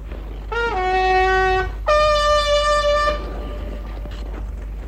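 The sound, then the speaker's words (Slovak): Two loud, sustained blasts on a trumpet, blown as a signal to absent hunting companions, sound one after the other, the first bending upward in pitch before holding steady, the second a bit longer, over a low steady background rumble with no talking. “Nože zatrúb ešte raz, Baxter.”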